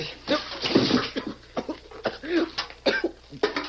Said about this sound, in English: Give me that bucket of water. Here, Scar. This'll bring him around in a hurry.